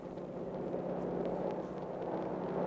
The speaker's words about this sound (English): There's the air support you were talking about. One little observation ship.